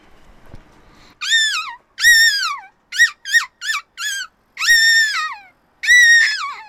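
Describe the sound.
A person vocally imitates a seagull with a series of loud, high, wavering cries: two long calls, a quick run of four short yelps, then two more long drawn-out calls, with no talking.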